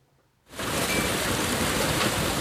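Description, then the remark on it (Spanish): After a brief moment of quiet, hail abruptly starts falling in the afternoon in Talavera de la Reina, Spain, and holds as a dense, loud, steady pelting roar with no voices. “En Talavera de la Reina, la pasada tarde ha granizado así.”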